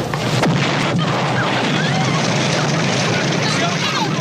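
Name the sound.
bomb explosion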